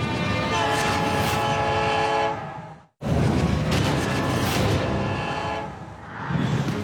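An approaching freight train in the Kenai Mountains; its horn blares in long, sustained harmonic blasts over a steady rumbling roar, cutting out briefly before sounding again, loud throughout, while a 6-metre icicle is being shot down to make the track safe.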